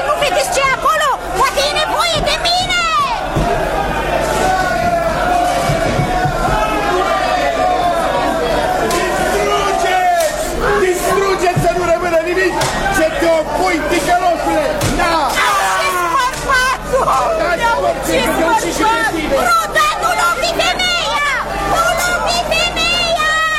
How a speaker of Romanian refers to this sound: Iată mulțimea dezlănțuită. Nu mai ține seama de nimic.